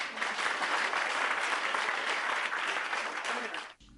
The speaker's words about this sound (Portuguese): Muito bem. Palmas para todos.